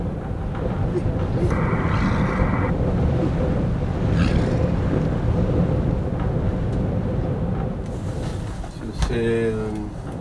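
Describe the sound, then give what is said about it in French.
Strong wind roars steadily around a wooden cabin at Igloolik, Canada, facing the sea ice, a deep continuous rumble with brief whistling and creaking tones rising above it now and then. “Le vent, toujours le vent dans la chambre, la chambre en bois, la cabane en bois au Canada à Igloolik, devant la banquise.”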